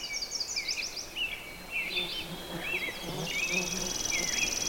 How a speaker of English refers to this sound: And you could hear in the distance, that was a robin. I just wanted, I guess, people to realize that things like song sparrows and robins occur out in these pretty wild, wet places as well as your backyard.